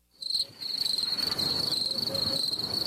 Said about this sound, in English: Wow. Tell you, the crickets are lovely.